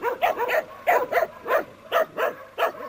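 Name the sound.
dog barking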